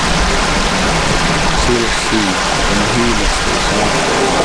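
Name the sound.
flowing creek water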